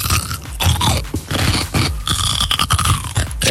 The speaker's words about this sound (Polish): No jak to co jecie? Ogórek kiszony albo małosolny. Dokładnie.